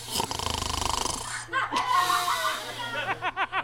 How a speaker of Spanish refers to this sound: No, oye, que el vecino del segundo ronca mucho.